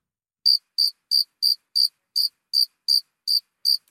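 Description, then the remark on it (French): Cicadas chirping: ten short, high-pitched buzzy pulses repeat in a steady, even rhythm, each about the same loudness, with no voices or other sounds around them. “c'est quoi cette petite bête? Eh bien, des cigales, petites cigales.”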